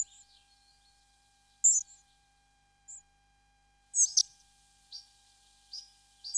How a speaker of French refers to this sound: Les gobe-mouches noires qu'on entend ici, et qui sont vraiment très très communs, c'est encore un oiseau qui se porte très bien.